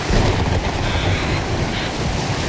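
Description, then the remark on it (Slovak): Rough sea surging and crashing in a steady, loud roar during a storm, waves rolling over a ship's deck, with gusting wind tearing at the sails and buffeting over the churning water throughout, no voices present. “Vietor driapol plachty a vlny ako veľké hory sa prevaľovali cez palubu.”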